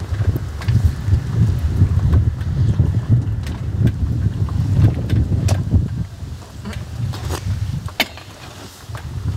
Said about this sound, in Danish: Mm. Det kan man godt lige høre ude i højtalerne, når man spiser østers.